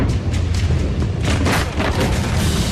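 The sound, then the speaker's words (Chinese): A massive explosion roars with deep, sustained rumbling and a surge of crackling blast noise midway, loud and continuous throughout, with no voices; a fire sets off flammable and explosive goods in shipping containers at the Ruihai International Logistics hazardous chemicals storage site, Binhai New Area, Tianjin, at 23:34. “然而，当晚23点34分，火灾引起集装箱内的易燃易爆物品发生爆炸。”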